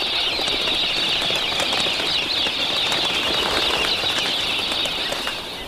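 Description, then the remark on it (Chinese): Pink cockatoos flap and call in a dense, unbroken wash of beating wings and high, scratchy bird cries, loud and steady throughout with no voices. “粉红凤头鹦鹉常年生活在农场附近。”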